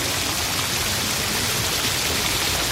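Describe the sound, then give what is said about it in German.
Steady rain falls with a dense, even hiss across a broad range and no pauses or voices, holding at a constant moderate level from start to finish. “Plötzlich kam ein Maikäfer, der auch in den Regen geraten war.”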